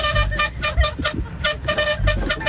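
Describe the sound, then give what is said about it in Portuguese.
A truck horn honks in a quick series of loud, repeated blasts, a steady pulsing rhythm of toots with no talking over it. “Toma a buzina.”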